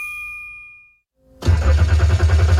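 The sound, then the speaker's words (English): A car's warning chime fades out, then after a brief pause the car's engine cranks loudly and rhythmically, turning over and over without catching, with no voices. “The engine might not start now, but your car could still be a fresh start for at-risk boys at Road Heaver Boys Ranch.”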